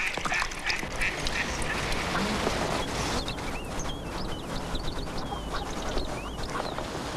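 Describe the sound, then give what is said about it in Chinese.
Ducks quack repeatedly on the water outdoors over a steady wash of background noise, while higher chirps and short bird calls flit in and out across the scene. “哎，里面有鸭子。”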